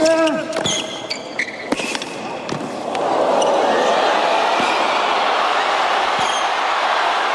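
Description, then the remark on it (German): A tennis crowd at the US Open quarterfinal in New York between Ben Shelton and Carlos Alcaraz erupts into loud, sustained cheering that continues unbroken to the end, preceded by a few seconds of sharp ball strikes and high squeaky tones. “Da geht das Publikum so richtig mit und hört auch gar nicht mehr auf.”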